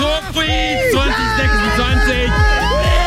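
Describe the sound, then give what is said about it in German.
A loud concert crowd screams and cheers continuously, many overlapping high-pitched shrieks and whoops rising and falling in a dense wall of excited voices. “Und Leute, ihr wisst es noch nicht, aber da werdet ihr exakt so schreien.”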